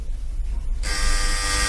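A harsh electric doorbell buzz starts abruptly and drones on steadily, loud and rasping with a dense, bright tone, after a brief stretch of low background hum.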